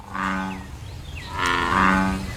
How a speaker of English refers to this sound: That is the American bullfrog. Those are the last frogs to start singing every year. And he's still going. They have that loud, kind of like booming song. That's a classic summer song